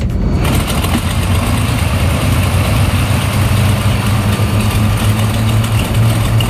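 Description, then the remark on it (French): A loud, steady airplane engine drone on a short flight arriving in Cherbourg, with a deep low-pitched hum and a broad roar over it, setting in within the first half-second and holding constant throughout, with no voices. “Vous savez, on a pris l'avion, mais on arrive à Cherbourg.”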